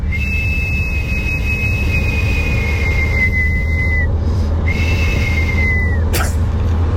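Two long, steady horror-style whistled notes, each sliding slightly downward at the end, sound eerie and drawn-out over a constant low rumbling background, with a short pause between them.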